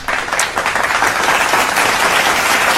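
Steady applause from a crowd, many hands clapping in a dense, continuous patter that holds at a fairly loud, even level throughout, with no voices heard.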